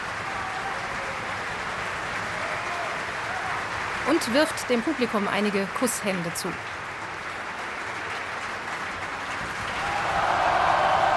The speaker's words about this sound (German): Er bekommt großen Applaus hier im Festspielhaus.